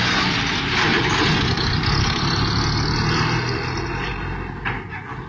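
A small car's engine runs steadily with a dense, rumbling low end, the car driving off as the noise eases slightly toward the end. No voices are heard.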